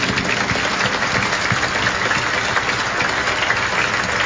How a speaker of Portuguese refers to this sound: Acolhemos demais concelebrantes, padres, religiosos, religiosas que aqui estão, autoridades e todo o povo de Deus numa bonita salva de palmas. Bem-vindos!